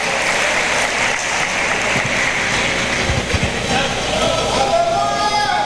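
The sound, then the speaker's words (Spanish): A church audience claps loudly and steadily for the Lord, a dense wash of hand claps filling the whole clip, with a few faint voices calling out beneath it. “¿Están haciendo tortilla o están aplaudiéndole al Señor? Dale fuerte el aplauso al Señor, hermano.”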